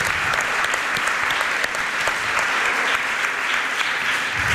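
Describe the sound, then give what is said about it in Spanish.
An audience at a live radio broadcast in Valderrobres claps steadily, a dense, continuous wash of many hands at a fairly loud, even level for several seconds, with no one speaking over it. “Podéis aplaudir a Isaías también, de manera particular.”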